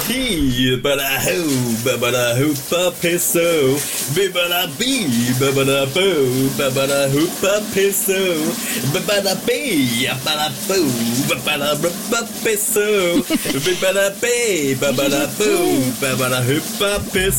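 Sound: shower running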